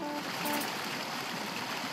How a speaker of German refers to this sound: Horsch mal, ich höre das Wasser schon rauschen und es hat da ein tolles Geräusch. Also beim letzten Mal hat es viel mehr Wasser gegeben.